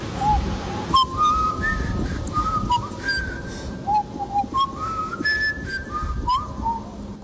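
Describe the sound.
Someone whistles by mouth a short signal tune used by two brothers in an old film, a string of gliding, rising and falling notes in two phrases, clear over a low background rumble.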